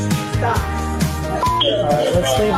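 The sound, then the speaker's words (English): Short electronic censor bleeps cut in repeatedly over a busy stretch of speech from body cam footage of the moments after a six-year-old boy shot his teacher, steady tones popping up one after another amid the talking. “I know that's a lot of beeps, and I hate to actually subject you to all those beeps, but this involves the body cam footage that shows the moments right after a six-year-old boy shot his teacher.”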